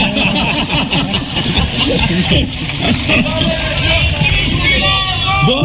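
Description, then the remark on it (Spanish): An audience shouting out phrase suggestions to a performer, voices over one another in a loud, continuous babble, with no single voice standing out clearly. “A ver, acá hay un señor que está gritando, por favor, ¿el de acá?”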